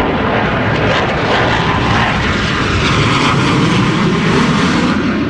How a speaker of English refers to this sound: That's two planes. That's just two of the planes. You have to see it in person.